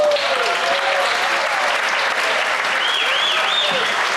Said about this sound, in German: Und wenn es Ihnen richtig gut geschmeckt hat, gibt es noch einen richtigen, kräftigen Applaus hinterher.